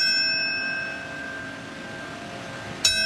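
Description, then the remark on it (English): A bell tolls at a ceremony marking 25 years since 9/11, its ringing tone hanging in the air and slowly fading before it is struck once more near the end. The tolling is steady and solemn, with no voices present. “What comes to mind when you hear those bells?”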